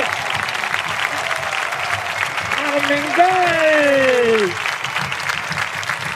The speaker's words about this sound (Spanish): Gran ovación del lateral izquierdo racinguista.